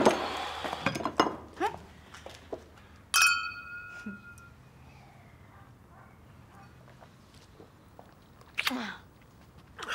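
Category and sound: household object, glasses clinking together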